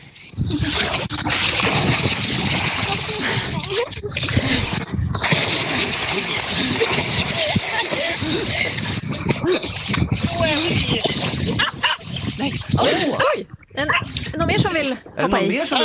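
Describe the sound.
Continuous loud splashing and churning water as people plunge in and thrash about, with excited voices calling out over the commotion throughout.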